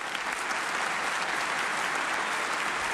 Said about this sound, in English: Thank you, ladies and gentlemen. While giving out applause, let's not forget the fellows that just got through wailing. Our drummer, Stan Levy, at the drums.